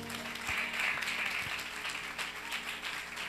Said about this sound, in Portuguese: Vamos aplaudir a Jesus.